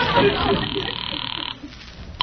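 An old telephone bell rings loudly and steadily for about a second and a half, then cuts off, leaving quiet and a brief click near the end, as a caller rings back after a bad line.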